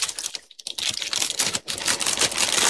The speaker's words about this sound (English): Everything's loaded in the computer, but I'm going to press the shuffle button.